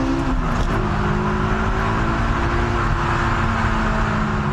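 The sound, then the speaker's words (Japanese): A car engine pulls hard out of a corner, the car keeping to the inside line and then accelerating, a loud, steady droning roar with a humming tonal whine running through it for the whole stretch, no voices. “しっかり内側につく。で、2年席の最後を見て加速。”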